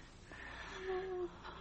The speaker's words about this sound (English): She's still breathing.